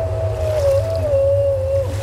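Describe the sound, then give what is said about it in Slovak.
A twelve-legged, six-necked sea monster lets out a long, wavering whine that drones steadily over a deep, rumbling roar of churning sea water, loud, with no distinct barks standing out. “To je Skylla. V mori sa ako klopká hadov zvíja jej 12 nôh.”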